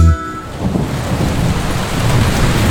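Steady rain hisses and patters across the whole stretch while a deep rumble of thunder rolls underneath, filling the low end. The storm is fairly loud, with no voices.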